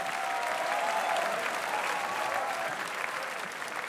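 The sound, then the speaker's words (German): Sustained audience applause after a performance accompanied by the KHG-Orchester Freiburg, a dense steady wash of many hands clapping at an even level for the whole stretch, with no voices standing out above it. “Das ist euer Applaus.”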